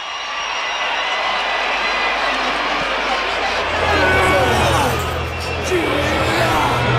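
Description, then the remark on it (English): A huge stadium crowd at Ellis Park roars and cheers in a dense, continuous wall of noise as the South African rugby team emerges from the tunnel before a match against the All Blacks, swelling louder midway, with a low rumble joining underneath. “Now the Springbok Warriors emerge from underneath the tunnel, and they psych up the crowd.”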